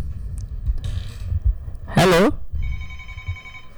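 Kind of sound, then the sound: signal or alarm, telephone ringing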